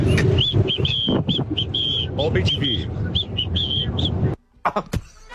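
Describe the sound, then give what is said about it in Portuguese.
A contestant in a whistling championship (Campeonato de Assovio) whistles a series of short, high chirping notes in an uneven rhythm, imitating a songbird, with a busy background of voices and noise before it cuts off near the end. “Achei o seu assovio muito fraco pra um passarinho.”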